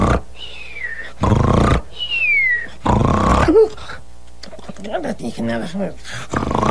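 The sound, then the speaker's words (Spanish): Two loud, rasping snores, each followed by a high, falling whistle, appear to be voiced by a person mimicking sleep, as a story character lies in the shade of a pirul tree. Vocal murmurs and talk-like sounds follow. “Así que se echó a la sombra del pirul, cerró los ojos, cruzó las patas y al cabo de unos momentos, roncaba sonoramente.”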